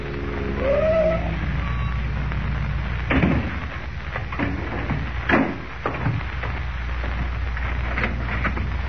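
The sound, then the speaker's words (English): A car pulls up and stops before a real estate office in the morning, its engine rumbling steadily with a brief rising whine early on, followed by a couple of sharp mechanical clunks; no one speaks. “The following morning, before Lois and Jimmy awaken, Kent, in a car borrowed from Graham, pulls up before the real estate office of Ed Jenks.”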